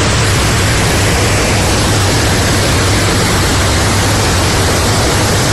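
A loud, steady roar of rushing floodwater surging through streets on Skiathos, sweeping away tables, chairs and other objects from shops, continuous throughout with a low rumbling undertone and no voices.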